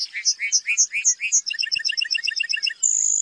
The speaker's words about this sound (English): During the summer breeding season, North America's Great Plains come alive with birdsong. Among the most memorable is the lark bunting, whose serenade is complete with costume and choreography.